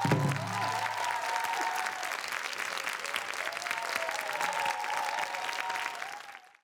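An audience claps steadily in a dense, sustained burst of applause that runs for several seconds before quickly tapering off at the end. No voices stand out above the clapping.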